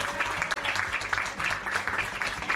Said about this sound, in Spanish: un fuerte aplauso para él, en el tiempo que estuvo.